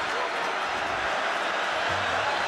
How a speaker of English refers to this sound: You think Nissan Stadium wants to feel a victory today? Listen to this crowd.